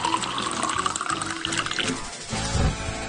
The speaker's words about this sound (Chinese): 我们煮好的捞起这些渣料来，只要汤汁水啊， 只要汤汁水。 对，熬制的这个香料水就可以把它倒出来。